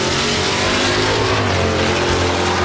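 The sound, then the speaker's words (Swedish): A loud race car engine roars and revs at Mantorp, its throaty growl sustained and rising for a few seconds with no voices over it. “Underhållande och nära, oavsett om det är ostlängsbråk i Linköping eller motorvrål i Mantorp.”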